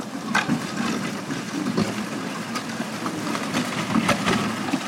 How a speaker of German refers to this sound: Ochsenkarren holpern über die unbefestigten Straßen nach Ampanihi. Die Distrikthauptstadt liegt in einer der trockensten Regionen von Madagaskar.